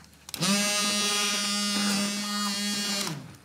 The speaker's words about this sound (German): Und ich werde jetzt diesen Erdnussdip pürieren. Mit dem Pürierstab einfach hier drin.